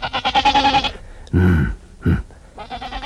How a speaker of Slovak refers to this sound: Čia je táto koza? Aká koza? Čo sa tu pasie? O, koza.